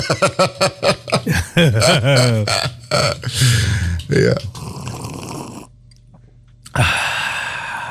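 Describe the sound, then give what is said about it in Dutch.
Loud vocal grunts and throaty noises give way to a long, airy slurp of a hot drink during a midday coffee break, which stops briefly and then resumes as drawn-in sipping near the end. “We gaan even slurpen. Het slurpmoment.”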